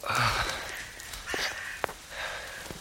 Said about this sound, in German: Ein zweites Pusten und Keuchen aus dem Grab neben ihm drängt an sein Ohr. Jemand klopft sich Erde vom Anzug, seinen Hut aus, hustet angestrengt, dass man meinen könnte, gleich macht auch noch das letzte Lungenbläschen dicht.